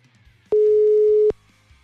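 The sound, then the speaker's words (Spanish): A single steady electronic telephone ringing tone from a phone call being dialed sounds for under a second, a flat mid-pitched beep that starts and stops abruptly, with faint low background noise around it. “A ver, le voy a marcar a ver si me dice.”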